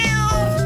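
A single short, clear cat meow with a strained, slightly wavering tone and no voices around it.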